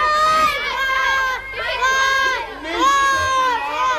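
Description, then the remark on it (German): A crowd of children cheering and shouting joyfully after all the children are freed, with high-pitched overlapping voices rising in three loud, sustained bursts of jubilation. “Nachdem alle Kinder befreit waren, gab es natürlich zunächst einmal großen Jubel.”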